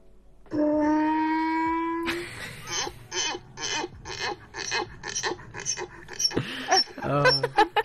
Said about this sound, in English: let me play the sound of a donkey real quick